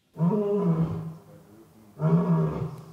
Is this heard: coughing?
no